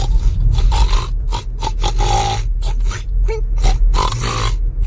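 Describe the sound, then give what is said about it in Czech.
A person imitates a pig, making a rapid run of loud, raspy grunts and snorts in uneven bursts, with breathy gasps between them and no spoken words. “Jako poctivý, dobrý prase, takový jako který si i rochňá.”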